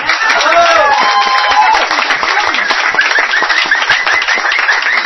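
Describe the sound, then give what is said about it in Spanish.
Loud, sustained crowd applause for a singer: dense clapping that holds steady throughout, with high whistles and scattered cheering voices rising over it. “fuerte el aplauso para la extraordinaria ….”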